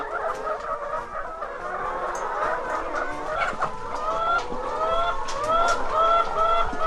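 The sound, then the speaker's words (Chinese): A flock of ISA-breed red-shell laying hens on enzyme bedding clucks and chatters continuously, overlapping short calls at varied pitches, steady and fairly loud throughout with no talking. “因为鸡这种这禽类吼，它有爪子”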